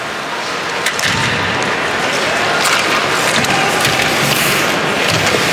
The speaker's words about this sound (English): Good clear round by Hofer, and the puck goes all the way down. Yeah, the fans are going to give him a round of applause. They don't see that too often.